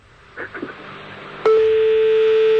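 A few faint, brief blips and murmurs, then a loud, steady electronic telephone tone starts abruptly and holds unbroken, a single sustained line-tone like a phone being dialed.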